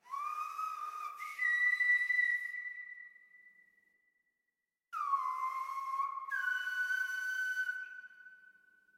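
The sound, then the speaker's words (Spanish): Silbo gomero, the ancestral whistled language of the island of La Gomera, used to communicate over long distances: two long, loud, piercing whistled phrases with sliding pitch, separated by a brief silence, performed alone with no talking. “Entonces sentí la necesidad de venir a la isla de La Gomera, donde me encuentro actualmente, a aprender el silbo gomero, que es una comunicación ancestral en el que los antepasados se comunicaban a través del silbo.”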